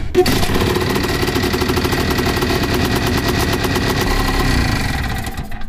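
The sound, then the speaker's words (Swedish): A two-stroke Tunturi Pappa-Tunturi moped engine runs loud and steady, with a rapid, rattling buzz of firing pulses that holds for several seconds before easing slightly at the end. “Lite som en moped. Ja, alltså är ju en pappa tunturi som jag täger.”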